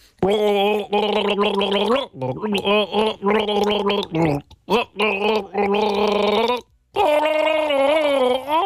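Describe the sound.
Someone gargles the melody of a one-hit-wonder pop song as a guessing game, the bubbling voice rising and falling in pitch through a series of phrases with short breaks between them, fairly loud and with no talking.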